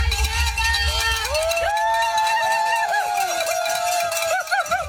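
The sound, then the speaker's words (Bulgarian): A lively crowd cheers and claps steadily, with ringing cowbells and shouted voices mixed into a dense, continuous wall of noise, as a Bulgarian mountain runner finishes a 500 km ultramarathon under the finish arch late at night. “Записа ги късно с нощи под аплодисментите на публиката, весел и дори с подскок под финалната арка.”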